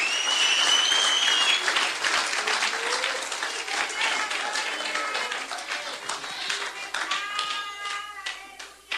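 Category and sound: crowd, audience applauding loudly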